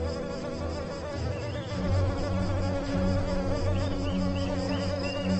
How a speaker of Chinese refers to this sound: 水面是蚊子的乐园，雌雄相聚在这里，开着狂欢派对。